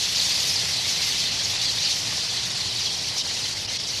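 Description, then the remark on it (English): A dense, steady wash of high twittering from a large flock of tree swallows calling in massed flight at Goose Island in autumn, countless overlapping chirps blending into one continuous shimmer with no voices. “Soon, all of Goose Island's swallows will disappear below the southern horizon for the winter.”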